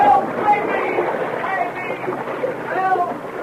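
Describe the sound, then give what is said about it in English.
Water churns and splashes steadily as a dog deliberately upsets a canoe, throwing a man thrashing into the water, with voices calling out over the commotion. “The young Mountie couldn't believe what he saw when the dog deliberately upset the canoe, throwing Mackenzie thrashing into the water.”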